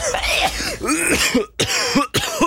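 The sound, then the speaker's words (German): A run of harsh, raspy coughing up close, several loud bursts separated by brief pauses, with a throaty, rough quality and no talking. “der Ton mit dem Husten”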